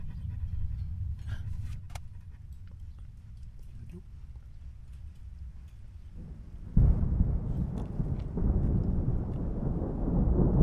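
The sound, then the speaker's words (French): Low, steady rumbling of thunder from a night-time heat storm, then a sudden louder crack that swells into a broad, sustained roll lasting several seconds. “Même si s'il ne pleut pas, vous entendrez l'appel des oranges de chaleur.”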